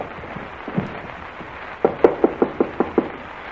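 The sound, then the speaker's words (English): A quick, even series of about seven firm knocks on the wooden door of Colonel Bowles' office quarters, distinct, preceded by a couple of faint soft thumps, with no voices. “If you say there's a light in the room, knock again.”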